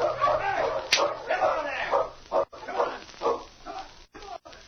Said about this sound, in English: Now, come on. I'll handle the dogs for a couple of miles. Come on, you Malamutes. Come on.